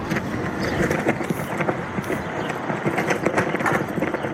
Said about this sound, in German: Eine US-Flagge knattert im Wind in der kalifornischen Mojave-Wüste.